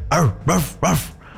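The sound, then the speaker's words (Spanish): A person mimics a dog barking: three quick, loud woof-like yelps in a steady rhythm, with no other talking, fading into a quiet tail. “O sea, si alguien te dice que le ladres, me imagino que quiere escuchar tu ladrido así.”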